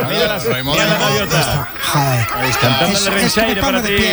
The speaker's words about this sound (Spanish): mira la gaviota. Es un himno. Escuchar las gaviotas es un himno para mí.